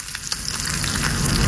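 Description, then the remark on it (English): Bacon sizzles steadily as it fries in a hot pan, a dense crackling hiss with scattered pops, fairly loud, with no voices. “Or the sweet sizzle of bacon frying to the perfect crunch.”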